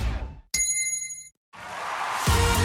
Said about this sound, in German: Der Gong. Hydration Break. Nimm dir jetzt wieder einen guten Schluck für deine Gesundheit.